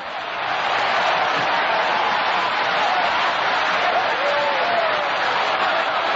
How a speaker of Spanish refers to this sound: Una ovación ahí grande para el grande de los grandes, Jesucristo. Oh, gloria a Dios. Oh, gloria a Dios. Sigue aplaudiendo.